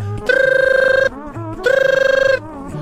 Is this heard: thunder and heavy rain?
no